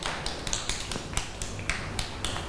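A small group of children clap their hands for a fellow child at a teacher's request, producing a quick, uneven patter of soft claps that continues steadily for a couple of seconds with no talking.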